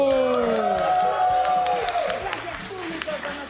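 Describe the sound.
An audience claps and cheers for a presenter opening the radio programme Show de la Tierra, with a steady, dense patter of applause. Gliding tones and voices run through the crowd noise, which stays fairly loud and eases slightly toward the end.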